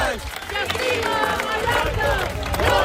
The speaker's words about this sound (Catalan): El so dels crits de les 10.000 persones que avui han participat en aquesta cadena humana en què diverses organitzacions ecologistes de Mallorca han fet com a rebuig a l'especulació immobiliària que està degradant, diuen, els espais naturals